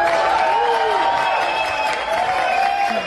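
A crowd applauds steadily for a few seconds, a dense wash of clapping with voices cheering and calling out over it, loud and continuous throughout.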